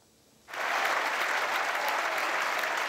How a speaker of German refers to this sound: Applaus nach diesem zweieinhalbstündigen Galopp ohne Pause ist verdient